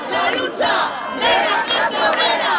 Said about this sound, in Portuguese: O Parlamento Espanhol votou esta manhã os dois decretos do governo de Pedro Sánchez para travar a crise da habitação. É uma votação que acontece com protestos à porta do Congresso dos Deputados.